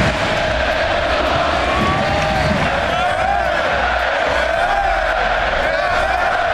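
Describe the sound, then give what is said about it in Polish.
A large crowd of FC Barcelona fans at the club's home stadium roars in a sustained, loud ovation bidding farewell to Robert Lewandowski after the last home match of the season, a dense wall of cheering and shouting voices with wavering chant-like tones rising above the steady din. “Z jednej strony owacje, z drugiej łzy wzruszenia.”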